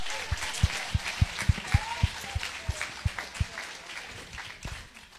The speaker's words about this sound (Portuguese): Da glória a Deus. Palmas para Jesus.